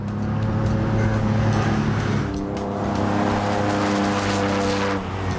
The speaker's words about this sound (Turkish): Alfa V6 motorunun sesine bayılıyorum.